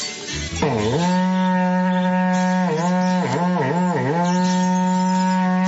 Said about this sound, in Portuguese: E toca o berrante pra eu ir trabalhar.